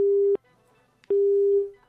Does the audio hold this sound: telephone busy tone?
yes